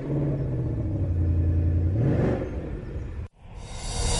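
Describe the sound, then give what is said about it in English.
A 5-litre naturally aspirated V8 engine in a manual car crackles into life and rumbles with a deep, steady growl, then revs up sharply with rising pitch before cutting off abruptly; a brighter, hissing engine-like noise follows. “We get the limited slip differential, and we get a noise that is absolutely superb when you start this car up, because there's nothing quite like cubic inches and a 5-litre normally aspirated V8 that crackles into life.”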